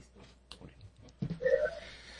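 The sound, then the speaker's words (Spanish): A sharp cough bursts out, followed by a strained, wheezing intake of breath with a high whistling tone, as a coughing fit catches someone's throat. “Pinche tosedera.”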